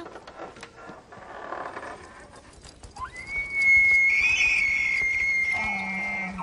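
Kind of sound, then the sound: animal, moose call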